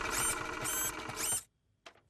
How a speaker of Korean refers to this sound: 봤지? 그런 다음 프린터로 뽑는 거야. 페파, 너도 한 장 뽑아줄게.